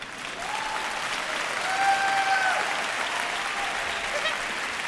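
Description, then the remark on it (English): An audience claps steadily for about five seconds, a dense wash of applause that swells slightly in the middle, where a brief whistle-like tone cuts through. “If you want to applaud, go ahead.”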